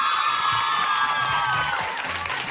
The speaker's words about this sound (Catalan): Continuem, tornem ara mateix al concurs, però abans volem sentir com animeu a les vostres representants, Institut Martí Lomà. Vinga, un altre fort aplaudiment per elles. Vinga, va.